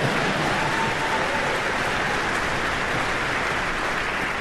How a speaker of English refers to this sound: I'll accept anyone's applause.